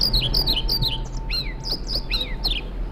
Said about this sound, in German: Das ist, wenn Sie es genau wissen wollen, ein Trauerschnäpper. Ich finde, der zwitschert schön, aber der Name Trauerschnäpper, also das steht für mich jetzt nicht nach, klingt nicht nach Aufbruch und Reform.